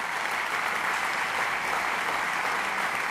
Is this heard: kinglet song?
no